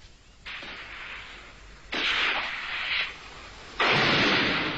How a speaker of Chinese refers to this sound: 听，王官庄人民翻身复仇的枪声打响了， 共产党暴动。